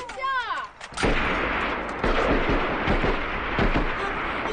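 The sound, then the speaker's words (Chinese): A loud, dense barrage of gunfire erupts after a brief voice at the start, with sharp cracks rattling rapidly and continuously over a rumbling, battle-like roar. “你们停，是枪声， 枪啊， 是要打仗吗？”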